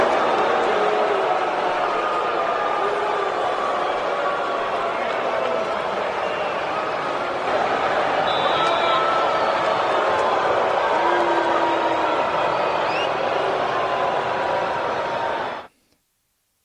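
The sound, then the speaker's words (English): A huge stadium crowd at Hard Rock Stadium boos loudly and continuously at a player returning after six seasons with the Dolphins, a dense, sustained roar of many voices for about fifteen seconds before cutting off abruptly. “And here is some of the reception that he received from the crowd.”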